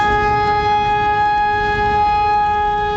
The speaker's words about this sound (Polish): Dziś ogólnokrajowe ćwiczenia Alarm 2026. W całym kraju testowane są syreny alarmowe, które mają ostrzegać mieszkańców przed zagrożeniem. We Wrocławiu zawyły już dwa razy.